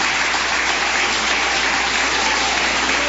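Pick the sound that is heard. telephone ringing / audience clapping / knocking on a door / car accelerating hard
audience clapping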